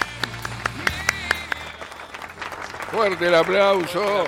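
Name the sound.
applause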